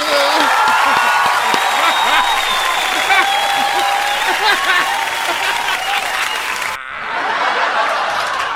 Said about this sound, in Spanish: Un aplauso, baby.